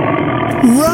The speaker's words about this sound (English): Stop. Listen. What's that? It's a tiger!